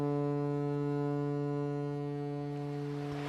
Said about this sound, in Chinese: 泰康号拉响汽笛，缓缓驶入维多利亚港。